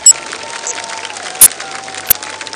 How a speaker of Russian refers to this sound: Дорогие друзья, 58 заявок было прислано на конкурс абхазскими участниками. Вы огромные молодцы! Я попрошу гостей фестиваля подарить аплодисменты всем абхазским участникам нашего конкурса.